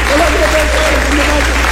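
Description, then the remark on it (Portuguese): An audience at a church service claps steadily for Jesus in a dense, continuous burst of applause lasting under two seconds, with a voice faintly audible beneath the loud clapping. “Palmas para Jesus, que Jesus opera nesse lugar.”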